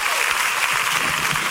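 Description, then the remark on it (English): An audience claps for Jesus together in a dense, sustained burst of applause, many hands blending into a steady wash of sound that fills the room without pause. “Oh, clap for Jesus.”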